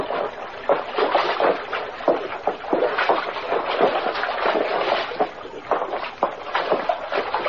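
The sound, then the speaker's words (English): Continuous splashing and sloshing of water as someone wades steadily over slippery rocks along a creek in a ravine, with irregular footstep-like surges, fairly loud throughout. “Water's getting a little deeper along here.”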